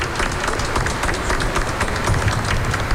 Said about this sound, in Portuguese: Uma salva de palmas, parabéns. Deus te abençoe.